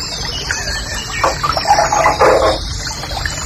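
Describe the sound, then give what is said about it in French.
A steady, even rush of river water flowing under a bridge fills the whole recording, with a short burst of birds chirping over it near the middle. No one speaks. “Je me branle, je me branle, je me branle en écoutant la rivière.”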